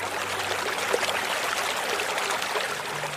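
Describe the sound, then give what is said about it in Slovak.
Soft, steady splashing and babbling of a flowing river washing over sandy banks, a continuous gentle wash of water with no voices. “Ak poriadne nastražíš uši, možno začuješ aj jemné šplechotanie rieky.”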